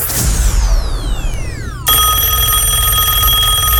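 A loud electronic telephone ring follows a few falling whistling sweeps, then holds as a steady, buzzy ringing tone over a low rumble before an answering machine picks up, with no one speaking.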